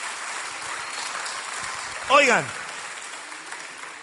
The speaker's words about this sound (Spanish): Siente, aplauso para ellos, siéntense, muy bien.